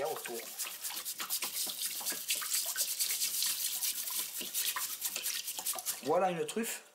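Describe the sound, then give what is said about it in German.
A stiff brush rapidly and steadily scrubs soil off a freshly gathered truffle under running tap water, with a constant hiss of the tap beneath the strokes; a voice speaks briefly at the start and end. “Ich wasche sie unter fließendem Wasser ab. Mit der Bürste.”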